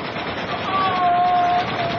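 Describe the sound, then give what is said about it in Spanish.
Several machine guns fire from an attacking ship at people swimming in the sea, rattling continuously for the whole two seconds, a dense, steady, harsh roar with a thin whining tone running through its middle. No one speaks. “Pero desde el barco agresor funcionan varias metralletas”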